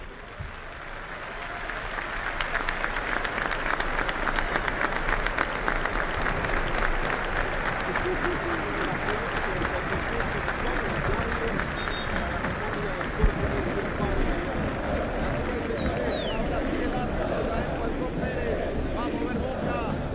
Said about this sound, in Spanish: Momento muy emotivo, la gente aplaudió en el minuto de silencio en homenaje a este jugador que nos ha dado tantas satisfacciones, enormes satisfacciones a lo largo de las últimas dos décadas